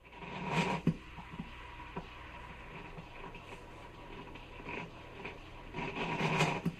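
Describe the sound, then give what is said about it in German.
A gleaming, chrome-clad coffee machine makes milk coffee after its button is pressed. It rattles and gurgles, with uneven rasping, clattering bursts over a steady low mechanical hum, loudest at the start and again near the end. “bei dem es knatterte, zugleich brodelte und am Ende mein geliebter Heißtrunk in der Tasse landete”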